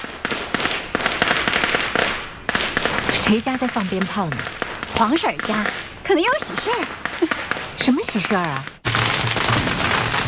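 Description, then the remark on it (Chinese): A long string of firecrackers, set off at a neighbouring family's home, pops and crackles in a dense, rapid burst, fairly loud and continuous throughout, with people talking over the noise in the middle. “谁家在放鞭炮呢？”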